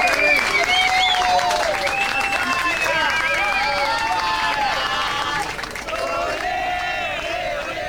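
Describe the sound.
An audience applauds loudly and steadily for several seconds, the clapping mixed with cheering and shouting voices, then easing slightly near the end.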